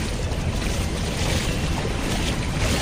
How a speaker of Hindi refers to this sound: सामने देखिए पानी है, लहरें हैं और इसी पानी और लहरों की वजह से लोग घरों से निकल नहीं पा रहे हैं।